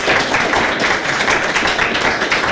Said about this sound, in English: Everybody clap so loud